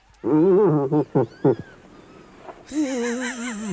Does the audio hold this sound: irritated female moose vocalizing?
yes